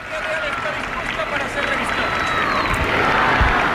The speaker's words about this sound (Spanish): es lo que lo que estamos viendo en estos momentos, y los aplausos del público. Y los vivas, vivas. Los vivas, sí, naturalmente.